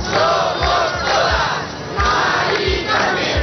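A large crowd of about 20,000 people marching in Madrid, Spain, from Puerta del Sol to Mari Carmen's house chants slogans in unison, such as "Mari Carmen, somos todos", with loud rhythmic shouted phrases repeating every second or so, a dense roar of many voices and no single speaker.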